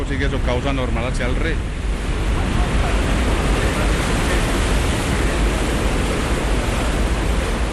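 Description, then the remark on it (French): A steady, loud roar of water that has passed through a hydroelectric turbine rushing into the outlet basin called the Almenara, from which it flows back to the river. The sound is dense and unbroken, with a voice briefly audible over it at the start. “Après être passée dans la turbine, elle arrive ici, dans ce bassin de sortie qu'on appelle l'Almenara.”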